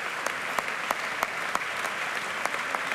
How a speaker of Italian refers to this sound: Ma il pubblico non sembra sazio di applausi.